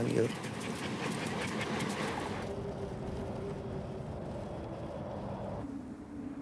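Sled dogs panting in rapid, steady bursts over a continuous rumbling, rushing background, with a bright hiss fading away after the first couple of seconds.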